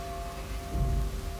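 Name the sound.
church bells ringing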